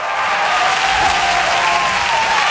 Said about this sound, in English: Woo! That is what I like to hear. That is the lady cheer. Woo! Sounds like more of a mating call at this point, but woo! It's the girl cheer. It's what girls do to let you know we're here, we're ready to go.